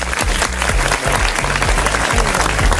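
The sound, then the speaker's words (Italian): A crowd applauds Christian Redox on the radio show Club Connection, clapping loudly and steadily for about three seconds, a dense, continuous patter of many hands, with a low, rhythmic musical bass pulsing underneath. “Facciamo un applauso a Christian Redox.”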